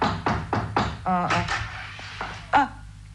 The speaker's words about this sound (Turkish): Kapıyı yumruklamayı deneyelim bir de. Yine de duymazlarsa bil ki evde yoklar.